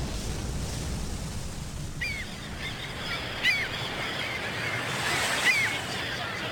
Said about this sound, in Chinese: 这是大海、军港、大军舰。